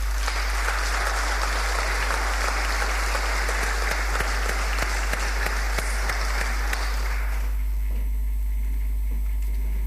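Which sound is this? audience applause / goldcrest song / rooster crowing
audience applause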